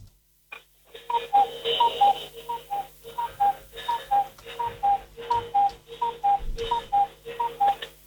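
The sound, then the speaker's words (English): A cuckoo clock, heard over a phone line, sounds a long, steady run of falling two-note cuckoo calls as its bird comes out, about a dozen in a row, over a background of mechanical ticking and whirring. No one speaks. “The bird comes out in cuckoos, but it's got a chime as well.”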